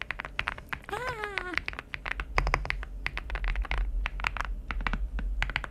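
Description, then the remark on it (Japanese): Steady, rapid typing on a keyboard used at home, a model called Rainy, with crisp clicky keystrokes in an uneven rhythm; a brief voiced sound rises and falls early on, and a low hum sits underneath. “でもう一つは自宅で使っている方でございます、はい、皆さん違いを見つけていただければなと、はい、どうぞ。”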